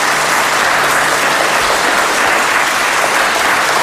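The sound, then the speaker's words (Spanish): A group of schoolchildren visiting a radio programme clapping for the listeners, a dense, steady burst of applause that holds at a loud level throughout, with no voices coming through. “A ver, ese aplauso para que nuestros oyentes os escuchen.”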